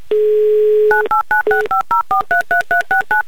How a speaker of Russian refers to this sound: Набран номер телефона Натальи, звоним в Санкт-Петербург